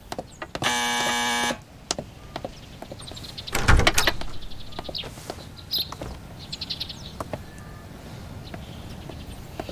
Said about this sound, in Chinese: 谁呀？ 我去开门。